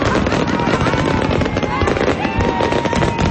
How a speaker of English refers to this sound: has been coming to fireworks like these since she was a kid, and now she's doing the same with her daughter.